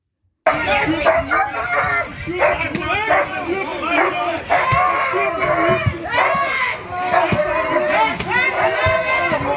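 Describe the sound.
Dogs bark repeatedly amid a chaotic mix of people shouting and calling out, a loud, continuous commotion with overlapping voices throughout, recorded on a Wednesday morning around 8 as a group of activists tried to block the Maersk headquarters at Esplanaden in Copenhagen.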